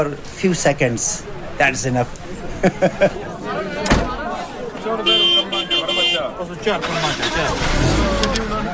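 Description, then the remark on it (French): Engines of buses parked in front of the Jamatrana idle and rumble steadily before departure beneath a busy crowd of voices, with a sharp door-like thump partway through and a brief high tone near the middle. “C'est l'heure du départ. Rahmat Karim monte dans les bus garés devant la Jamatrana.”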